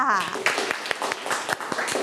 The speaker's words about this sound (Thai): ส่วนอื่นๆก็ขอชื่นชมที่มีการฝึกซ้อมแล้วก็เตรียมตัวมาปรบมือให้เพื่อนอีกครั้งค่ะ